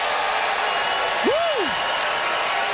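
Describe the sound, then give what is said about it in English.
Steady, dense applause from a large audience at the McPherson Playhouse in Victoria, voting by applause for Katie Ellen Humphries, fills the whole stretch, with a single rising-then-falling whoop or whistle cutting through briefly near the middle. “All right, it is up to you, beautiful McPherson Playhouse, by applause, who thought Katie Ellen's Victoria is lame claim was fair game, Katie Ellen Humphries.”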